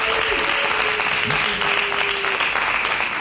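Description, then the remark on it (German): A crowd claps and cheers loudly and steadily throughout, making noise to vote for the cuboid in a vote on which is more masculine, dense applause with a few whistles or shouted voices rising briefly above the roar. “Ist es für euch der Quader? Dann lärmt bitte jetzt!”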